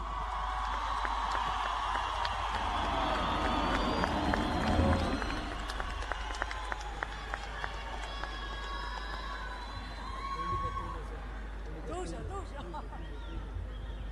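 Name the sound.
audience applauding and cheering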